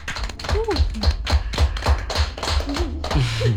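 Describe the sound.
A small group claps in uneven, sharp bursts for a few seconds while voices call out and chatter over the applause.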